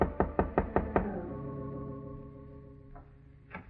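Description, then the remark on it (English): A quick run of five firm knocks on the door of a bungalow in a bungalow court on Normandy rings out. After a pause of ringing quiet, two more single raps follow, spaced apart. Nobody speaks. “It was a bungalow court on Normandy, and it took her a long time to answer the door.”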